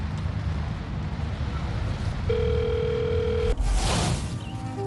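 A telephone dial tone hums steadily for just over a second, a flat mid-pitched drone over constant rumbling background noise, then cuts off into a brief rush of noise.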